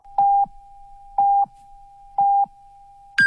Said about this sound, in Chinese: 中国移动为您整点报时。